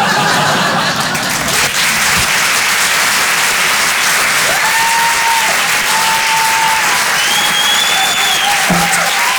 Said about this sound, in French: Parce que d'habitude, à la fin de mes sketchs, le public, il applaudit.